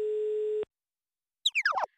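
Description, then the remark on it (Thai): A single steady electronic phone tone sounds for about half a second and stops abruptly as a call to a snack shop goes unanswered. Silence follows, then a brief, high, chirpy descending flutter of sound. “เอ๊ทำไมไม่มีใครรับสายนะ หรือว่าร้านปิด หรือโทรศัพท์คุณเลข8แบตหมด”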